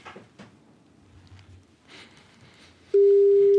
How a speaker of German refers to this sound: Und täglich tutet das Telefon.